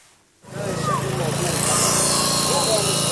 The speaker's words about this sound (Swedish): Nu står han inför räddningsarbetare som sågar sig genom järnstänger och armeringsjärn.